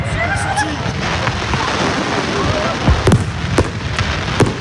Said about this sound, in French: Mais forcément, dans la foulée, le feu d'artifice n'a pas eu la même saveur.